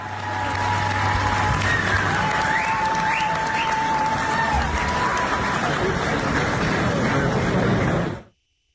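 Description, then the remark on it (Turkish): Sustained applause from a large audience in a hall at a panel, as a speaker moves from an armchair to a chair on stage, dense and steady for about eight seconds, with a few faint tonal sounds above it before it cuts off abruptly. “Şahra'nın sahnedeki koltuktan kalkarak sandalyeye geçmesi salondakilerden alkış aldı.”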